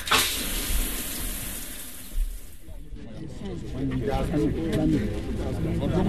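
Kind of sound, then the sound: household object, shower water running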